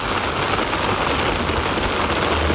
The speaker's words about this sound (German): Regen im Sommer und trotzdem sind alle gut drauf. Endlich Abkühlung, endlich Wasser und ich glaube, gestern haben wir wirklich gemerkt, man hört Regen einfach wirklich gerne.